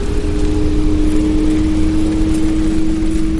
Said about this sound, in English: His colleague Sherry Braun drove me around the parking lot so I could hear what the electric smart car actually sounds like.